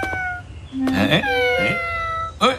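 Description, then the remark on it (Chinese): A kitten meows three times in quick succession, short and high-pitched, over a faint steady background tone. “是那天晚上的小猫，别着急，我马上清理出来。”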